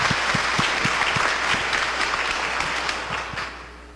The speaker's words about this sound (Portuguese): Palmas, muitas palmas ao nosso querido Dom Gilvan. Obrigado.